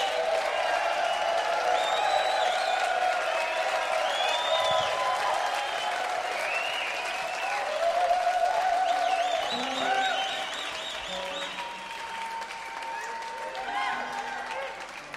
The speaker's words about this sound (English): …. A cheer for them. ….